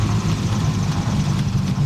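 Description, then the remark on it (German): A steady, deep airplane engine rumble idles continuously at an even level just after the plane touches down on the runway at Jüst, a low droning hum with no voices or other distinct sounds. “Die Füße sind auf dem Boden, also die vom Flugzeug.”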